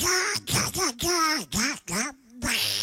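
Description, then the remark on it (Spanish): A person speaks in a buzzy, raspy cartoon duck voice to send a greeting, a quick string of garbled quacking syllables with pitch swoops, fairly loud, with no plain speech around it. “me mandas un saludo para mi mamá Fernanda, con la voz de Pato Donald”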